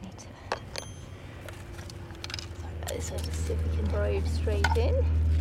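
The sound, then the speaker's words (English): Gritty crunching and scraping as a metal probe with a contact microphone, which picks up vibrations in the soil, is pushed into soil, with a low rumbling hum swelling underneath and a faint voice murmuring near the end. “So just see if we can probe straight in.”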